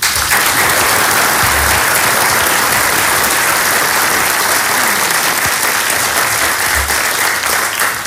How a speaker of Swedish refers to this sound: Men innan jag gör det så tänkte jag även tacka de tjänstepersonerna som har hjälpt oss med att ro dessa möten i hamn och all annan kringpersonal. Och så faktiskt en stor applåd till er.